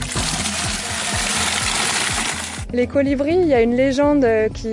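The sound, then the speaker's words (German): A steady, loud rush of water pours for a couple of seconds as a French woman fills two watering cans from water canisters on a white vehicle at the roadside, then stops as a person begins speaking. “Manchmal stehen auch weiße Wagen so mit Wasserkanistern am Straßenrand. Und diese Französin nimmt sich gleich zwei Gießkannen voll.”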